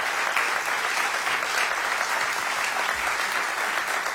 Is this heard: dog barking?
no